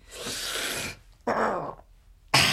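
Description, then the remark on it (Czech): Red deer stags bellow in the mountains in three rough, throaty bursts, a long roar followed by two shorter ones, loud with brief quiet gaps between them. “Na horách jelení.”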